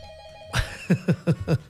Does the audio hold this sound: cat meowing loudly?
no